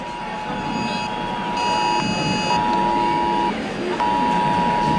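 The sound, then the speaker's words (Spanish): An electronic alert beeps in long, steady tones at one fixed mid-high pitch, each lasting over a second with brief gaps between, sounding loudly over a constant rushing background noise. “Mira, la alerta. Ya tenemos otra vez la alerta.”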